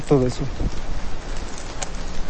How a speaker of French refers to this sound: cette année, en plus des gelées, la pluie s'invite pendant la moisson, un phénomène plutôt nouveau